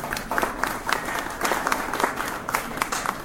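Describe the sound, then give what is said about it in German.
An audience at an exhibition event applauds a harpist being introduced, many hands clapping in a dense, even patter that stays at a moderate level throughout, with no one speaking. “Ein Applaus.”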